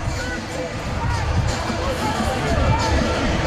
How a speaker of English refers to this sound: Starting to get late in this one. Got a big crowd on hand tonight. Had a big crowd last night, just shy of 38,000. I think we might have more than that